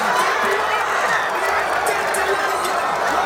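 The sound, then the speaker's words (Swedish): Happy football supporters cheer in the square in Sundsvall at night as Elanga scores a goal, a continuous outdoor wash of many voices shouting together at high, steady loudness with no pauses. “Vi kan höra på lite glada supportrar som var uppe i natt på torget i Sundsvall.”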